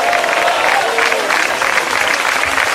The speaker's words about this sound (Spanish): La iglesia, el Señor dice, como dijo iglesia, denle un fuerte gloria a Dios y un aplauso. Diga gloria a Dios.